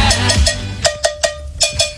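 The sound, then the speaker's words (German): A cowbell is struck in a quick rhythmic pattern, bright metallic clanks with a steady ringing tone, about nine hits over two seconds, loud over some low background noise. “Das liegt daran, weil er die Kuhglocke spielt.”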